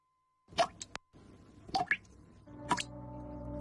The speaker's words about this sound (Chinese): 你听，这是水龙头的叹息。 用完水要关紧，别让水滴白白洒。